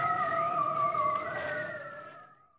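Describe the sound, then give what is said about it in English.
A seal gives one long, eerie tonal call with layered harmonics that waver and slowly sink in pitch, heard alone before fading out. “and the seals”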